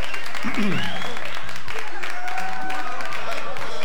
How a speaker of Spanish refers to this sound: Fuerte los aplausos.